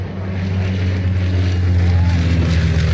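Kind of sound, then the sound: vehicle, airplane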